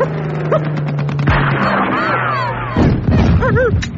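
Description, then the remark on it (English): Loud bursts of rifle gunfire aimed at an attacking plane crack over the low, steady drone of an aircraft engine, joined by rising and falling whining tones and a sudden crashing boom near the end. “Oh, if only I had a gun. Here, take my rifle.”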